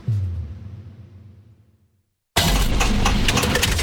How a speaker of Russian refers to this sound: Слышали? Так прощается двигатель. Коррозия, перегрев и привет, капиталка.